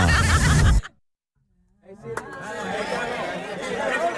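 A burst of loud noise cuts off into a short silence, then a horse's whinny rises and wavers over a busy background of crowd-like chatter.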